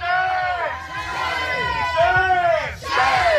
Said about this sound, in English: Police are easily outnumbered by protesters who are holding signs and chanting shame at Rocket Lab, Aerospace, police and the government.